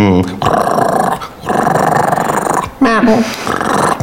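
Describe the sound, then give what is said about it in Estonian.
A dog growls loudly in three sustained, rumbling bursts separated by short pauses, with a brief higher whine near the end. “Koera mõtled.”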